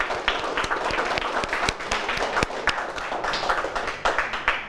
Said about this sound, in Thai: ถูกต้องครับปรบมือเลยนักเรียน